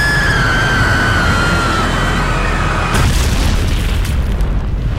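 A passenger airplane carrying about 200 passengers dives with a high, steadily falling whine over a heavy roar. At about three seconds it crashes in a loud explosion that rumbles on to the end. No one speaks.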